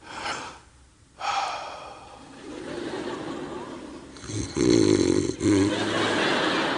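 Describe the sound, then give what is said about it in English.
A person does a vocal impression of their female dog snoring as she lies beside them at bedtime: a few rough, breathy snorts and rasping inhales with gasping breaths in between, fairly loud, with no speech. “The dog snores, okay?”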